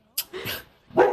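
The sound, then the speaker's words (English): A dog barks three times in quick succession, loud, each bark short and sharp with brief gaps between them and no one speaking. “Plus, we were under a lot of strain with the dog at that point.”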